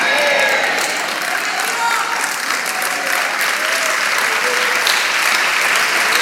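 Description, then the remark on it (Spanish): An audience claps hands for the Lord in a steady, dense wash of applause that holds at an even loudness throughout, with faint voices mixed in beneath the clapping. “Vamos, dele palmas al Señor, dele palmas, dele palmas, dele palmas.”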